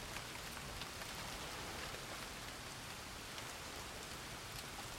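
Rain easing off patters down in a dense, even hiss with countless fine droplets hitting a surface, fairly soft and unbroken throughout, with no voices.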